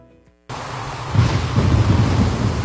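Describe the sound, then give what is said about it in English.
A heavy rainstorm bursts in abruptly after a brief musical tail, a dense, loud roar of rain with deep rumbling gusts of strong wind surging underneath, steady, with no voices. “Rain and strong winds have caused serious roof damage in our area.”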